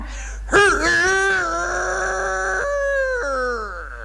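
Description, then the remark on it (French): A man's voice imitates a rooster crowing: one long, loud, strained crow. It rises sharply, holds a steady high pitch for a few seconds, then breaks downward in steps near the end. “Je voudrais que vous nous imitiez au moins une fois le cri du coq, tel que vous l'avez fait en 1910 sur la scène de la Porte Saint-Martin.”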